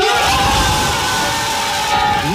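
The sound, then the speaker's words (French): A group of football teammates shouts and cheers in loud celebration of a striker's first call-up to the France national team, their overlapping voices forming a dense, continuous roar for a couple of seconds. “les cris de ses coéquipiers ont été à la hauteur de la joie d'Esteban Le Poll”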